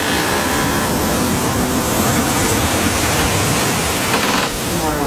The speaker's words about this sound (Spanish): una enorme ola se levantó junto al barco y lo empujó violentamente contra el muelle. Las cuerdas se tensaron, los barriles rodaron por la cubierta.